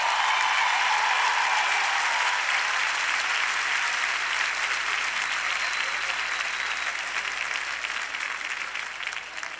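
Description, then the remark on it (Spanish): Sustained applause from a large audience for a singer and composer, a dense wash of many hands clapping at once, loud and steady before gradually tapering off toward the end, with no speech over it. “un aplauso para un gran amigo, un gran compositor y un gran cantante”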